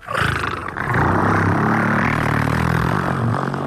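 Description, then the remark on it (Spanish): A loud vocal imitation of a diesel car engine, made as a radio sound effect: a deep, rough, rumbling growl that kicks in abruptly and holds steady for a few seconds without pause. “Entonces, o el coche diésel...”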